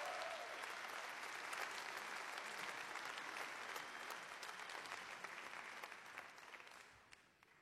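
A sustained round of audience applause for a musical performer on a public radio program, dense and steady with many hands clapping at once, then gradually thinning and fading out near the end.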